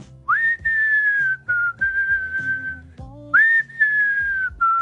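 A person whistles a song melody close up, a clear, sustained tune with long held notes that rise and fall, pausing briefly between phrases in a resonant room.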